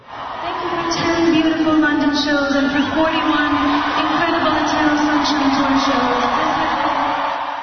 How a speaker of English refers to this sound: You could barely hear her voice there over the cheers